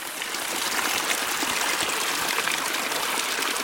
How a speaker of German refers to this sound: Ein auf- und abschwellendes Konzert von Zikaden begleitet uns den Flusslauf hinauf bis zur Quelle, die sich in einem kleinen langgezogenen Wasserfall aus einem Felsmassiv ergießt.